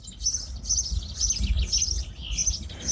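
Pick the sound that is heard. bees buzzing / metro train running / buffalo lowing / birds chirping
birds chirping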